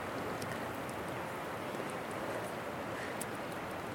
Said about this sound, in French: On entend la rivière. C'est trop bien.